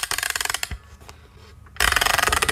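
A music box being wound up: a fast run of dry ratcheting clicks, a short pause with faint rattles, then another quick, steady burst of clicking.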